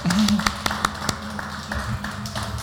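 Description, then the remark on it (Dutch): Scattered claps from an audience at a live music show, applauding the show's host, ring out irregularly at moderate volume, thin rather than a full roar of applause, with voices murmuring and talking underneath throughout. “Dus ja, een applaus”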